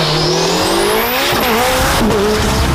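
Loud race car engines rev and whine upward in pitch, with a high tire squeal sweeping over the roar and a busy, continuous motorsport din throughout. The sound is from a car racing event in Ilirska Bistrica, Slovenia, for the FIA European championship and the Slovenian, Austrian and Croatian national championships.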